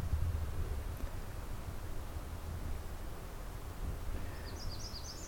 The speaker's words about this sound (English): Bird song. Distant waterfalls, and otherwise it's very quiet.